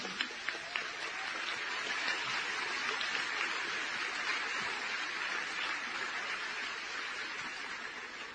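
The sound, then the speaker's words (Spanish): Sustained applause from a large live audience at the Vitoria Jazz Festival, dense and steady clapping filling the space for several seconds, with a few sharper claps standing out at the start. “Un fuerte aplauso por el Festival de Jazz de Vitoria.”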